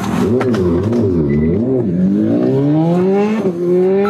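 A yellow and black motorcycle's engine revs hard and climbs steadily in pitch as the rider takes off from police, accelerating southbound on Sandgate Road at over 180 km/h, loud, with dense harmonic whine throughout and no voices.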